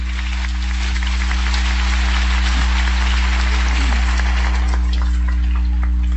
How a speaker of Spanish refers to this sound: Fuerte el aplauso a la Madre de Dios.